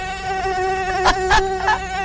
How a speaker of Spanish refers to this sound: De aquí en adelante, 5 horas de ruidos de mosquito porque es más interesante que nosotros.